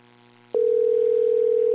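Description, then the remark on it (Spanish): A telephone busy-signal tone on an unanswered call: after a brief quiet moment, a loud, steady electronic tone starts and holds unbroken to the end, with no voices. “Igual suena como ocupado, ¿eh?”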